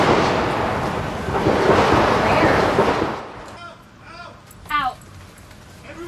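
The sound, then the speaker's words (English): A loud, dense rattle of gunshots near the White House in Washington, D.C., heard as a TV reporter was about to start a report, roars continuously for about three seconds, then fades as voices begin talking, with one voice rising sharply. “was about to start a report for the channel when shots were heard.”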